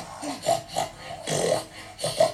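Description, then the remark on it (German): A voice imitates a herd of pigs, making a series of about five rough, snorting grunts in a rapid, uneven rhythm, each a short nasal burst at a moderate loudness. “Also, wenn ich zum Markt gehe, dann kaufe ich dir eine Schweineherde und die soll dich jeden Morgen wecken. Und die Schweineherde macht.”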